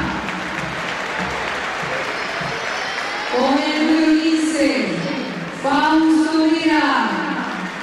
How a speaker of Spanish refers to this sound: Marcos Acuña. Otra salida de aplausos, ¿no? Sí, se ganó los aplausos.